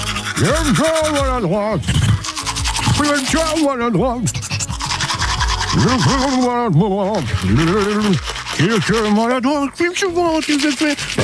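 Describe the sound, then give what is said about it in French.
A voice imitates the scrubbing of a manual toothbrush with warbling, rhythmic vocal bursts and breathy scratchy noise, loud, continuing for about eleven seconds with brief pauses. “Ce n'est pas très grave, il la remet demain en route, cette fameuse brosse à dents manuelle pour jouer avec vous”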